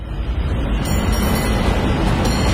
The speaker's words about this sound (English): Hear that? That's San Francisco calling. Hop the cable car, grab some sourdough at the wharf,